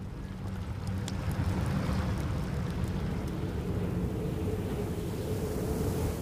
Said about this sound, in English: During the third night in their new home, a deep rumble wakes the men. It grows to a deafening roar. Icy water floods the shelter. The pack ice beneath them is breaking apart.